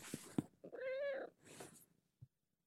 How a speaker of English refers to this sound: So yeah, if you couldn't tell, DJ Hyphy is actually a cat.